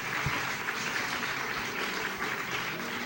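Steady, dense applause for a show's participants, jury and audience: many hands clapping at once in a continuous, even wash of crackly noise for the full three seconds, with no voices standing out.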